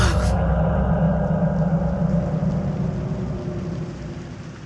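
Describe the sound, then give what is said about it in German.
Steady rain pattering against a window, a dense continuous wash of drops with a low rumbling undertone, gradually fading toward the end. No voices. “Der Regen prasselte an das Fenster.”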